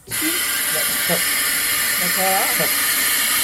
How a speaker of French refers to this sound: Le freinage de la locomotive plus de la rame, c'est le gros robinet que vous voyez là-bas qu'on entend siffler